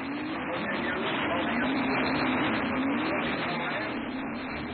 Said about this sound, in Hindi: अरे धीरे स्कूटर, धीरे चलाओ ना। चिंता मत करो, मजा आ रहा है।